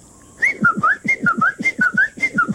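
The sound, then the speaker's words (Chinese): A person whistles an imitation of a Chinese bamboo partridge call: a quick, steady run of about a dozen short, mid-pitched, upward-sliding notes, loud and rhythmic with no talking. “然后呢，也有一些我们说的一个竹鸡哈，竹鸡。”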